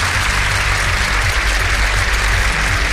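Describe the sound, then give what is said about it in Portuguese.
Steady, dense applause from a crowd, loud, continuing without a break for a few seconds with no voices. “Palmas para o domingo.”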